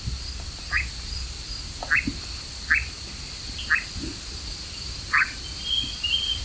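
A steady, unbroken churring drone of a European nightjar runs throughout, heard on an evening outing around 10 p.m., while short, rising croak-like calls break in about once a second. No one speaks.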